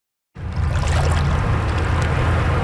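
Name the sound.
rushing whitewater river rapids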